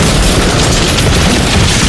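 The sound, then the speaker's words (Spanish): A loud gunshot-style sound effect of a laser sniper's shot, a heavy booming blast whose roar fills the whole two seconds with dense, rumbling noise rather than a single sharp crack, with no voices present. “Yo he escuchado un disparo. Era un francotirador de láser.”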